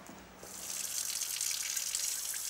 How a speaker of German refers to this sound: Jetzt noch Wasser zugeben und fertig ist die Babynahrung.